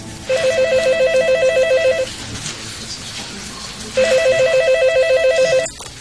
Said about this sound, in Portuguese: Mas o destino foi cruel. Logo no dia seguinte, meu telefone tocou.